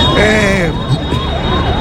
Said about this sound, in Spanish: Ahí se escucha la ambulancia, querido. ¿Habrá pasado algo en el barrio?